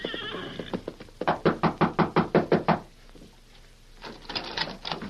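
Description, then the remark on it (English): About ten quick, evenly spaced, loud knocks on the rear door of a cafe, rapping in a steady burst before stopping, made by a rider in a prisoner's gray denim who has just come off a horse. Softer scuffling and shuffling sounds come before and after. “Sometime later, a grim-faced rider dressed in the gray denim of a prisoner flung himself from the back of an exhausted horse and knocked at the rear door of the Rainbow Cafe.”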